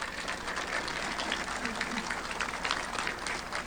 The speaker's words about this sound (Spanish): Un aplauso.